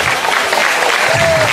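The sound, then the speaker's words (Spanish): Steady, loud applause for the Lord from an audience at a Christian church service, a dense wash of clapping that holds evenly for the whole moment, with a faint murmur of voices underneath. “Denle fuertes y aplausos después al Señor, hermano.”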